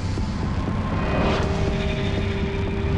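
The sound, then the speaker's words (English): A steady roar of passing traffic at a bus stop outside a school, with engine hum and rushing noise, vehicles whizzing past in each direction, swelling briefly as a vehicle goes by, then settling into a continuous wash of road noise. “Slowly, she rises, contemplating the vehicles whizzing past in each direction.”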